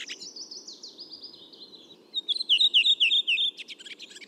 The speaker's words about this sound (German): Bei der Rotdrossel ist es so, die haben so 4-5 Elemente, so 4-5-5 Elemente am Anfang so. Und dann kommt genau dieses schönes Schwatzen.